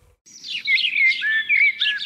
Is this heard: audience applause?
no